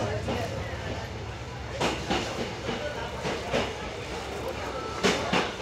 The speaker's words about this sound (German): Mit etwas über 30 Stundenkilometern zieht die Tiger-Lok ihren Zug durch die schroffe Landschaft mit den vielen Tunneln. Natürlich ginge es auch schneller.